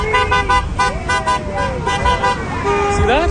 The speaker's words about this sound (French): Vous voyez, le conducteur qui vient de klaxonner est philippin.